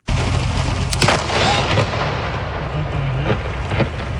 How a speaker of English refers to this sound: That's the sound from a dramatic moment near Burrard and 4th in Vancouver. Multiple thunderbolts overnight created incredibly loud boom sounds and bright light flashes that could light up rooms. The thunder also came with heavy rain in some areas.